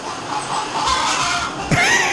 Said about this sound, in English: That's what the chickens sound like when they lay eggs.